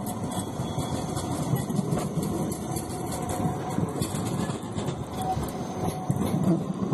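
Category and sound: vehicle, tram running on rails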